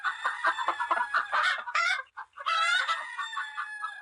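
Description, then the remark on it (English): A hen clucks in a rapid, steady series of sharp notes, broken by a couple of longer, drawn-out squawks partway through; no one speaks. “This is a hen. Hen. What does a hen say?”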